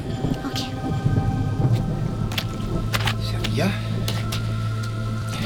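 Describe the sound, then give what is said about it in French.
Steady rain falls over a deep, continuous low rumble like thunder, with scattered sharp drips and splashes cutting through the dense wash of noise. “Dès que la pluie cessera, nous passerons à l'action.”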